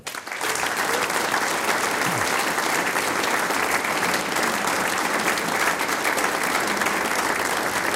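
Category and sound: crowd, audience applause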